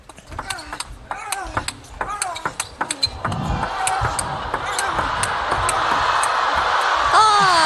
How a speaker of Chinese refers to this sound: 好球，好球！ 哎，大家通过现场的欢呼声就能判断这一份多么精彩啊！